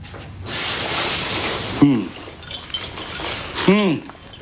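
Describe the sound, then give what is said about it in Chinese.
Two bright clinks of bowls being set down as bowls and chopsticks are laid out at home, a couple of seconds apart, after a stretch of steady hissing noise, with quiet voices in the background. “天赋碗筷，咱们家来客人了。”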